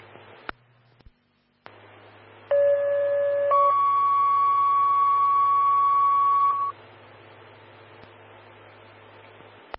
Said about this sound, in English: Oak Creek Fire, standby for tones on heart problems.